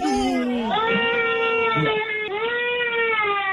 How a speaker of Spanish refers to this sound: ¿Por qué llora la niña?